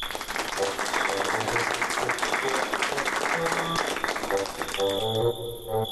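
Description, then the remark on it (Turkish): An audience claps steadily for someone's courage after they went on stage and drew a paper, in a dense, continuous patter of applause that holds for several seconds, with a few tonal notes and a brief voice surfacing near the end as the clapping thins. “Herkes cesaretini alkışlıyor.”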